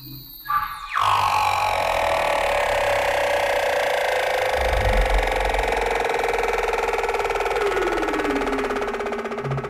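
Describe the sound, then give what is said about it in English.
Underwater humpback whale calls recorded with special microphones in the frigid waters of Antarctica, and trills of leopard seals gliding by: layered, pulsing tonal sounds that start abruptly and hold steady, then slowly glide downward in pitch, over a low rumbling background with no voices. “Using special microphones to capture the haunting calls of humpback whales swimming through the frigid waters of Antarctica. And the eerie trills of leopard seals as they glide by.”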